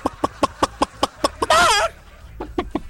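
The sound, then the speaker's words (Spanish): A person imitates a chicken: a quick, steady series of clucks, then a loud, wavering squawk, followed by a few more softer clucks. The voice is clear, with no other talking. “El de gallina, …. El beso de gallina.”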